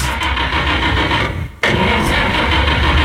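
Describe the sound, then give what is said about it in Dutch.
An engine starts up and runs with a loud, steady rumble, cutting out for a split second midway before catching again. No one speaks. “En wie start aan de motor?”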